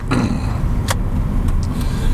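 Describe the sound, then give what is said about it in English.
A car engine rumbles loudly and roughly, a heavy, steady low drone broken by sharp metallic clanks and rattles, with no one talking. “I'd be freaking if my car sounded like that.”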